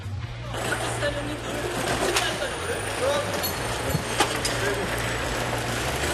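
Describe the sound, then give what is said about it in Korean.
A heavy truck engine rumbles steadily, with a few sharp metallic clanks and a hiss of air, as the cut-off front section of an old truck is carefully hauled away for a foreign parts dealer, to avoid damaging it. Faint voices sit in the background. “분리된 트럭 앞부분도 외국인 중개상에겐 소중한 자원. 손상되지 않게 조심조심 가져갑니다.”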